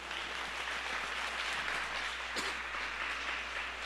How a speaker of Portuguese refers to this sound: Palavra do Senhor. Aplauda a palavra de Deus.